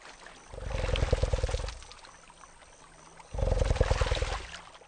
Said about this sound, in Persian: این لرزه ها صداهای بسیار عجیبی را تولید می کنند. این صداها توسط آب به تمساهای ماده منتقل می شوند.